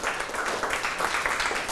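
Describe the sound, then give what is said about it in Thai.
A group of students claps together for a classmate who answered correctly, a steady, dense burst of applause, many hands overlapping in a crisp, fairly loud patter that continues evenly throughout. “คำตอบคือถูกต้องนะครับปรบมือให้เพื่อน”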